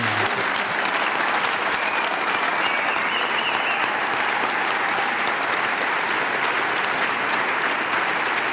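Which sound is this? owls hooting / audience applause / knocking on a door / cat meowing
audience applause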